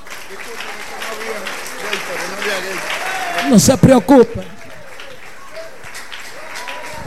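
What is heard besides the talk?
audience applauding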